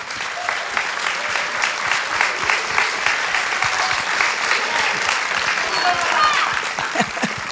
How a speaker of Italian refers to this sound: Quindi è un lavoro incredibile, per cui un applauso doppio al maestro Lentini.